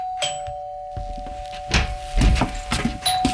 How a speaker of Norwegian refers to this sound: Samme skjer hvis man opplever at det ringer på døra, og så er man opptatt med noe annet.